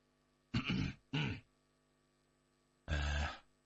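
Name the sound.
forceful coughing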